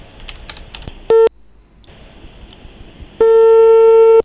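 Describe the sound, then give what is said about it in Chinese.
A telephone busy signal on a call to the market supervision bureau (市场监管局) line: one short, loud, steady mid-pitched beep, a pause, then a longer sustained tone, after a few soft tapping clicks like dialing keys. No one speaks. “您好，您拨打的用户正在通话中，请稍后再拨。”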